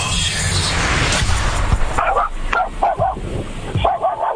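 A dog in a car barks in a quick run of short, high yips after a burst of rushing noise, the barks fairly loud against a hissy background.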